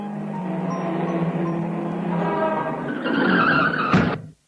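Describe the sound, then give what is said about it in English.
A car skids with a long, loud screech of tires that rises in pitch, ending in a sharp squeal and an abrupt stop, with no voices; in a Tufty road-safety story, the car knocks down Willy Weasel, who was playing by the road. “The car has knocked him down.”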